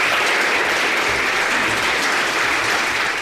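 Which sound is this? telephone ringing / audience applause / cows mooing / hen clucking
audience applause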